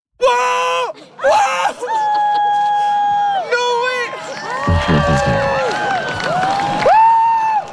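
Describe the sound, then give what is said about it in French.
A crowd erupts in overlapping cries and excited exclamations during a solar eclipse in spring 2024, high voices rising and falling in long sustained shouts, loud throughout, with a brief rumble of commotion midway. “Je ne sais pas si on a entendu les mêmes cris, les mêmes exclamations, effectivement, en Espagne, parce que ça, c'était chez nous au printemps 2024.”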